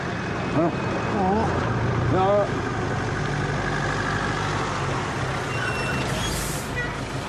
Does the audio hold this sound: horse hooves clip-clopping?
no